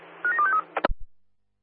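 A test of the duress alarm at the West Public Toilet in Bayswater comes over the radio as a rapid run of about four short, mid-pitched electronic tones, like phone dialing beeps, above a steady low hum, then a brief squelch click.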